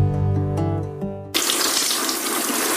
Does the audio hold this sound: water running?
yes